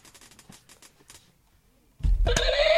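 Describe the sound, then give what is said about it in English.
After a second of faint, muffled chatter and a brief pause, a loud horse whinny sound effect suddenly blares, bright and sustained until the end; it is a player's buzzer sound in a children's animal quiz. “you are the horse.”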